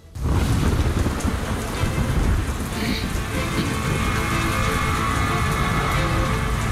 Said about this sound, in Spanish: La lluvia londinense arreciaba. Aquel mes de noviembre llovió prácticamente a diario.